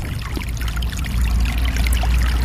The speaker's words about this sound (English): All through these little meadows, in every little swale, it seems like, is a small brook fed by snowmelt and running spring, summer, and into the fall.